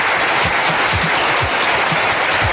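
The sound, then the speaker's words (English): A round of studio audience applause: many hands clapping in a dense, steady wash of bright noise at an even, fairly loud level, with no voices over it. “But yes, a studio audience, a round of applause.”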